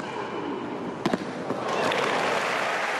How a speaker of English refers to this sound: Serena Williams from the United States of America, age 44. An adoring crowd welcomes Serena Williams back to centre court after almost 4 years away.